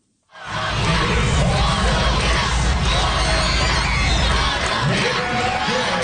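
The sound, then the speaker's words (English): A large group of school children cheers and shouts continuously for Colombia during its match against Spain, a loud, dense roar of high voices with whoops rising above it, starting abruptly and sustained throughout. “School kids cheering on Colombia in that country's match against Spain earlier this week.”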